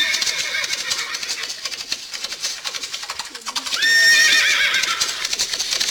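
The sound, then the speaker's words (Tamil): Hooves clip-clop in a steady, busy patter throughout as 5000 cavalry soldiers from Mysore, sent by Hyder Ali, arrive; partway through a horse lets out a loud, high, wavering whinny that rises over the clatter. No one speaks. “மைசூரில் இருந்து 5000 குதிரைப்படை வீரர்கள் வந்துள்ளனர்.”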